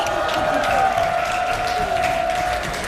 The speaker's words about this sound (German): Ein Haufen Leute stehen hier vor dem Schalle, vor dem Potzmusikschalle. Ihr lieben Leute, ruft mal und klatscht, dass wir euch hören. Hallo!